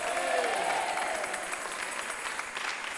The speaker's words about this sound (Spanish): Démosle un aplauso al Rey. ¡Aleluya! ¿Cuántos alaban a Dios?